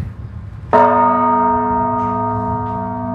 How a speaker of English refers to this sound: Manny starts by sounding the largest of the bells, which weighs almost 3 tons. When it rings, I can feel the vibrations in my bones.